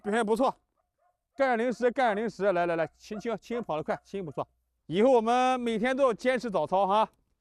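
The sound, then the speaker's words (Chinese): Several retired military dogs bark loudly during morning exercise in rapid, overlapping bursts, broken by a short pause, then a longer stretch of excited, yelping barks. “和这些退役犬一样”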